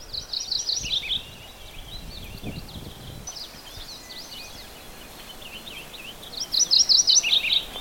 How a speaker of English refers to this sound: Another warbler you hear, you still hear purple finch in the background, is a morning warbler.